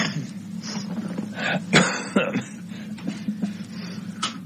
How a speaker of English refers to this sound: Yes, excuse me, I'm coughing. I'll try to kill the microphone.